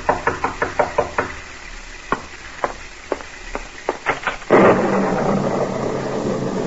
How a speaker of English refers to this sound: And as you sit by your fireside, you're startled by a knock on the door.